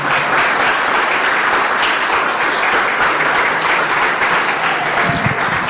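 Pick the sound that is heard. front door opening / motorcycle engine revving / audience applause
audience applause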